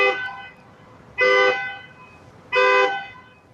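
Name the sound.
self-driving car horn honking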